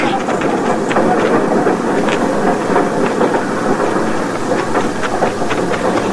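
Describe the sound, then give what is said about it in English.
A loud, steady roar of a steam train pulling out of a station, with hissing steam and irregular chuffing bursts layered over a continuous rumbling wash of noise. “Don't you get on that train!”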